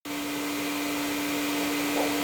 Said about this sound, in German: Ob der Sound des laufenden Staubsaugers suggeriert, dass eine Person, eben die Staubsaugende, in der Nähe sein muss und das Kind also nicht alleine ist?